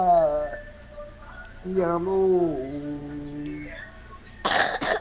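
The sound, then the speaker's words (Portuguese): A voice speaks in drawn-out tones, then near the end someone lets out a short, harsh, loud burst of coughing with a throat-clearing rasp. “será que já melhorou da tosse?”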